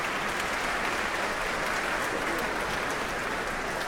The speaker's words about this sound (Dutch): Een applaus ook van de muzici van het Concertgebouworkest. Even zwaaien naar het publiek. Halverwege de trap hier in het Concertgebouw.